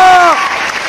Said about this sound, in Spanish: ¡Aplausos para Don Lacho!